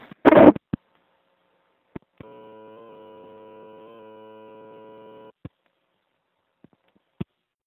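A handling thump and scattered clicks surround a steady, buzzy telephone-line tone lasting about three seconds, thin and boxy as if a microphone were held against a phone handset. No talking.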